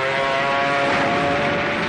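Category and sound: vehicle, enemy aircraft flying overhead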